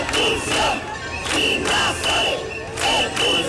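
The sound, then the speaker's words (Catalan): A large crowd at a demonstration chants the slogan "Invasors, expulsió" in unison, loud rhythmic bursts of shouting repeating roughly every second and a half, with shrill whistles piercing through and a steady roar of voices between chants. “Invasors, expulsió. Era un dels crits en la manifestació d'ahir”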